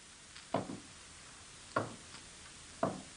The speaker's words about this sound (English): But while he was out at the mysterious Willoughby place, a strange thing happened. First, the door opened. Then there were hollow footsteps.